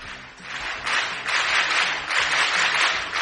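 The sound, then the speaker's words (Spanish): Steady applause from a crowd on the Es Radio programme, a dense wash of many hands clapping that swells and dips slightly over a few seconds, with no voices over it. “Sí, hay aplausos, claro que sí.”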